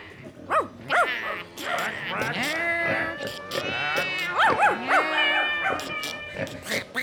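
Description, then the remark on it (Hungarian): A dense jumble of animal calls made by people speaking in animal sounds overlaps throughout: sharp barks and howl-like yelps mixed with wavering bleats, several voices at once, loud with no pause in the chorus. “Ugatás, nyávogás, cincogás, károgás, brekegés. Állathangok, amelyen most emberek beszélnek.”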